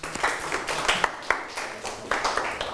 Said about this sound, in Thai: กลับเข้าที่ได้ปรบมือให้เพื่อนอีกครั้ง